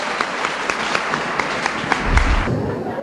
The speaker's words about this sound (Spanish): Un aplauso para la mujer que es así. Amén.